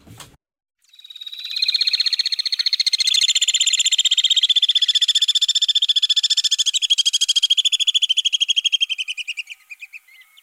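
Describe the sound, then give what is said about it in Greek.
Eurasian crag martin calls from birds seen over the Pedion tou Areos park: a loud, rapid, high-pitched trilling chatter that runs almost unbroken for about nine seconds, wavering slightly in pitch before fading out, with no talking. “Είναι οι βουνοσταχτάρες. Βουνοσταχτάρες. Είναι ένα είδος σταχτάρας ή πετροχελίδωνου, όπως το ξέρουν οι παλιοί.”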